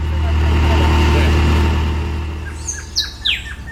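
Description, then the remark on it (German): A loud, steady low engine rumble from a vehicle driving toward Pondores in La Guajira, northeastern Colombia, drones for a few seconds, then eases off as a series of quick, high bird chirps breaks through near the end. “Beim Lärm des Motors ist er fast nicht zu verstehen.”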